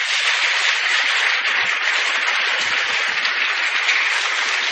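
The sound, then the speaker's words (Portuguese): Steady, dense applause from a crowd at a novena for its benefactors and sponsors, many hands clapping at once in a continuous, even wash of sound that holds at the same loud level for several seconds without voices. “Então, renovo a todos eles, benfeitores e patrocinadores, madrinhas e padrinhos da decoração, a nossa gratidão e peço também para eles as nossas palmas.”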